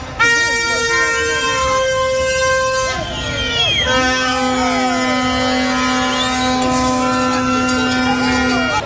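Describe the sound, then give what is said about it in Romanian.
Loud, sustained car horns blare continuously in a street jammed by protesters refusing to leave the roadway, with traffic paralyzed including in the Victoriei underpass, several honks overlapping and layered, one long steady blast dominating the second half amid background voices. “Din cauza manifestanților care refuzau să plece din mijlocul străzii, s-au format coloane mari de mașini. A fost paralizată circulația inclusiv în pasajul Victoriei, inclusiv tramvaie au fost împiedicate să înainteze pe șine.”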